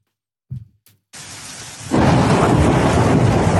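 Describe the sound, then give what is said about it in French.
A short, low rumble of thunder, then a dense roar of hail pelting down in the Ardèche, France, with hailstones several centimetres in diameter, starting suddenly and growing louder and heavier, with no voices. “Au grondement du tonnerre s'ajoute un déluge de grêlons.”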